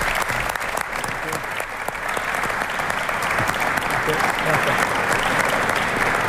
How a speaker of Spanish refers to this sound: Así que voy a invitar a Luis de la Fuente, seleccionador nacional, para que esté aquí con nosotros, y pido para él, por supuesto, un fuerte aplauso.